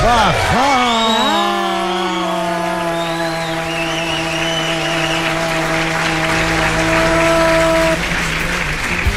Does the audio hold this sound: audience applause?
yes